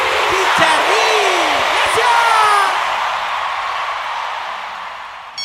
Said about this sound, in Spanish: ¡Fuerte el aplauso a los Chicharrines!